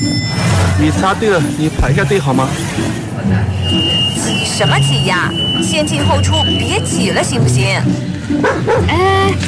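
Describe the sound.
A dog being walked without a leash barks in repeated sharp, loud bursts against a busy background with people talking and some traffic noise throughout.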